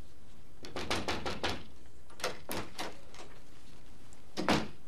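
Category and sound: household object, knocking on a door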